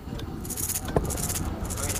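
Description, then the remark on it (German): A small musical-instrument rattle is shaken in quick bursts, the small pieces inside clattering brightly back and forth against its walls in an uneven rhythm, over a low rumbling background with faint voices. “Genau, diese Rassel.”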